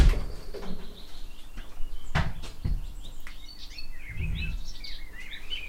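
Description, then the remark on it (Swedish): A couple of sharp metallic clicks, like a key going into a lock, then a soft low thud as a door swings open, with birds chirping steadily in the background. “Och den ska då in här i den dörren.”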